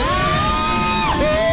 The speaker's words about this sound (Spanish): Vientos. Esa es mi socia. ¡Aplauso para la socia!